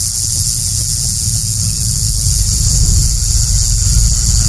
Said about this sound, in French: Pour être plus simple, ce sont des écailles modifiées emboîtées les unes dans les autres qui produisent un son de sonnette quand elles s'entrechoquent lorsque le serpent agite sa queue.